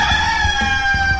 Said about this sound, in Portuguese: 5:03, bom dia! Canta, meu galo!